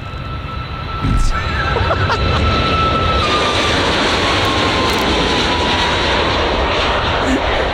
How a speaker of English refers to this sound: That sounds like a train of some description. I'd go the other way. It's in the sky. Oh, is it a jet plane? It is. Oh, Ryanair.